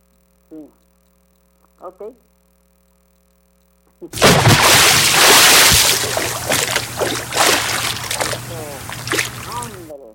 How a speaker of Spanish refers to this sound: le va a dedicar este baldazo con agua